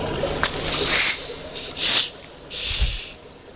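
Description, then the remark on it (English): Bottles being uncorked together after a countdown: a quick pop of air followed by three loud, bright hissing bursts, each lasting about half a second, with a dull low thump during the last one. “Okay, so we'll uncork these together.”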